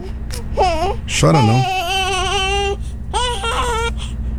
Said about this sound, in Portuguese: Chora não. Logo tem mais, hein? Ô, pecado, tá chorando.